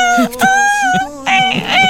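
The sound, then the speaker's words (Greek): A human voice imitates a dolphin with high, squealing whistle-like cries, loud and sustained, in several bursts broken by short gaps and wavering slightly in pitch. “Στείλτε μας ρε παιδιά και στα δελφίνια σας να τα ακούσουμε.”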